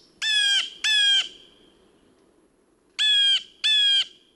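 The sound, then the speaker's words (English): A bird right outside a window squawks four times in two close pairs, each call harsh and loud with a falling tail, separated by a pause of low background rumble. “me to appreciate the little things, like the birds right outside of our window.”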